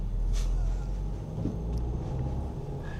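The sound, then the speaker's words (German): A steady low engine rumble fills the cabin as a car drives back through city traffic, taking a detour around a construction site, with faint road noise and brief higher hisses from passing vehicles outside. “Salim muss einen Umweg fahren wegen einer Baustelle. Und dann läuft ein Fußgänger auch noch fast vors Auto.”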